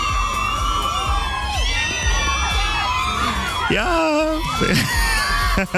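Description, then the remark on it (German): A dense crowd of high-pitched teenage fans screaming and shrieking in excitement at news of a pop star's wedding, loud and continuous, with overlapping wavering cries and a brief spoken word near the end. “Immer diesen Schrei hier aus, das macht mich ja ganz wahnsinnig.”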